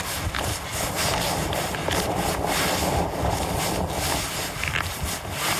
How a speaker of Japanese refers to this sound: ね、風があるのを皆さんわかるんじゃないですか、結構。